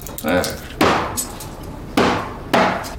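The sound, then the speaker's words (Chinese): Three loud, heavy chops strike a cutting board at uneven intervals, each a sharp thud with a short ringing tail, with a brief voice-like sound near the start, as someone chops hairtail (ribbonfish), about ten jin of it. “那菜板跟你有仇啊？你再做的菜板剁碎了，那不是花钱买来的啊？”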